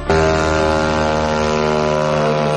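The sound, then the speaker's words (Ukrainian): The engine of a Ukrainian drone flying over a city drones steadily and loudly overhead, a constant buzzing whine with strong harmonics that holds unbroken for the whole stretch, with no voices. “А над болотяними містами літають українські дрони і ракети.”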